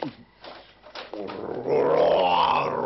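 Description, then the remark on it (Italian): A person growls and roars in imitation of a lion, a rough, throaty sound that starts low and swells into a loud, sustained roar. “Il ruggito del leone.”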